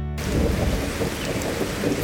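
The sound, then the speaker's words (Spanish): Steady, dense rainfall fills the scene with a constant hiss, while deep rumbling thunder rolls low underneath throughout. No voices, just the storm, fairly loud. “Qué bien suena la lluvia.”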